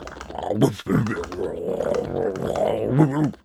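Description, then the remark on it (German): A human voice imitates a dog's low, drawn-out growl, rumbling and wavering for a few seconds with brief pauses, fairly loud. “Seine Hundehütte ist viel zu klein für einen Untermieter. Er knurrt nur.”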